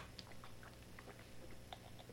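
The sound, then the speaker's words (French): A small sip of water: quiet wet mouth clicks and a faint gulp over a couple of seconds, with no talking. “Prends une petite gorgée d'eau parce que là, ça fait mal.”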